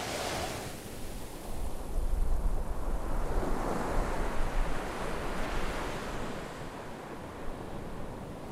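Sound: sea waves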